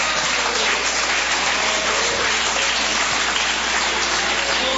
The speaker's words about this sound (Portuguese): Pode adorar o Senhor com as palmas.